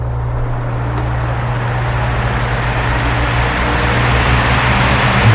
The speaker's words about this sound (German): Der Ventilator, der musste durchmachen bei diesen Temperaturen.